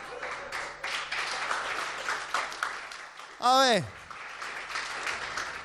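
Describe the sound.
An audience claps in a dense, steady patter throughout, and midway a brief voiced exclamation with a rising-then-falling pitch cuts loudly over the applause.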